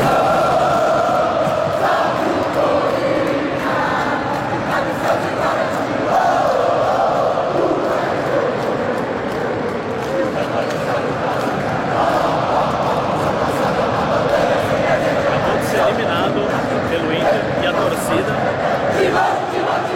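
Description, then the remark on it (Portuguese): A large stadium crowd of Corinthians football fans chants and sings together in a steady, continuous roar, applauding the players after the team's elimination, with scattered clapping and shouts mixed in, loud and sustained throughout. “Mostrar depois do jogo a imagem que eu fiz do torcedor cantando e aplaudindo os jogadores depois da desclassificação.”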